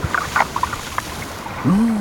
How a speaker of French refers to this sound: J'entends des vagues. Nous sommes au bord de la mer Méditerranée, au pied d'une falaise. On dirait des bulles. Ça doit être un poisson. Celui-ci est très discret. Je me demande si ce n'est pas le mérou.